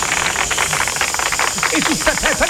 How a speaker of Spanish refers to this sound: Y pido un fuerte aplauso para recibir al gran Tommy Reynolds.